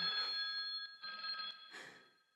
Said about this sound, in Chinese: 电话来了。